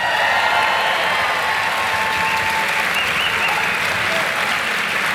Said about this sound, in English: Ladies and gentlemen, could you please put a massive round of applause together